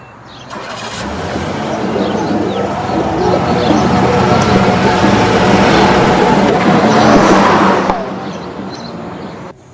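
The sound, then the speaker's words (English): A car engine starts and runs with a steady rumble for several seconds as Earl drives his car off from the house in the morning, cutting away near the end, with faint birdsong in the background. “In the morning sunlight, Earl comes out of the house, scoops up the newspaper, and heads for his car. As he drives off, Pometer in his SUV watches from across the road.”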